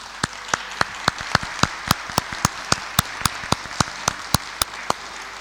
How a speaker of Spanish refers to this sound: Y está cumpliendo, le daremos un aplauso de bienvenida.